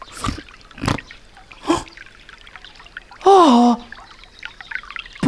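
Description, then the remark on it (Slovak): A small brook trickles and splashes in several short bursts, with a brief loud, breathy gasp-like sound breaking in midway. “Potôčik.”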